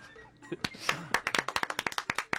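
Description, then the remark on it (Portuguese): A burst of quick, sharp hand claps, roughly a dozen in a fast steady rhythm, follows a short moment of mixed voice and noise at the start. “Eu vou aplaudir.”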